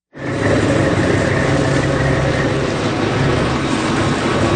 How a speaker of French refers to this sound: Allez, on monte à bord d'un bateau de pêche homard au lever du jour